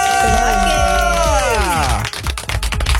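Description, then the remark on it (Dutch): An audience cheers loudly as a singer is announced, with a long whooping cry that slides downward in pitch over a steady wash of crowd noise, then breaks into scattered claps and shouts. “Laat je horen voor …!”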